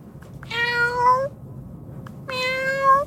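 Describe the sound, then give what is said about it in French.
A kitten meowing sound effect: two high, drawn-out meows, each rising slightly and ending in a brief upward lilt, separated by a short pause. They sound clear over a faint low background rumble, with no talking. “Oh, tout petit chat très mignon. Et non, ce n'est pas votre chat à la maison qui miaule. C'est un petit effet sonore pour parler d'animaux”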